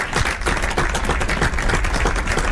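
Recorded applause played from a computer: a steady, loud wash of many overlapping hand claps, dense and crackling without pause for the whole stretch, with no voices over it.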